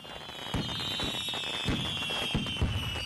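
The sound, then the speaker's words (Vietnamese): An art fireworks display over the sea at Eo Gió, Gia Lai, Vietnam, at night, with high-altitude and low-altitude fireworks interwoven: bursts in quick, irregular succession, several sharp booms and pops over a continuous high-pitched whistling hiss, steady in loudness, with no one talking. “Những chùm pháo hoa tầm cao đan xen pháo hoa tầm thấp liên tục thắp sáng bầu trời Eo Gió, phản chiếu lung linh trên mặt biển, tạo nên khung cảnh mãn nhãn”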